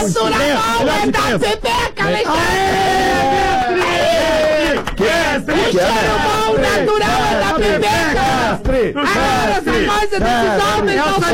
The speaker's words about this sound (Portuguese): Vocês estão berrando, eu não ouvi o mestre.